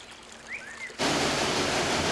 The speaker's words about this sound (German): Als kleines Rinnsal beginnt es seinen Lebensweg. Schon nach ein paar Kilometern ist aus dem Rinnsal ein richtiger Bach geworden. Sein Lauf führt ihn durch eine Landschaft, die vom Menschen gestaltet wird, solange er dort siedelt.